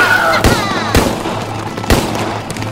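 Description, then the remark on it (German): Several sharp gunshots crack out irregularly, three loud blasts with echoing tails over a steady low rumble and a faint whistling tone, like a battle in progress. “Knallt sie ab!”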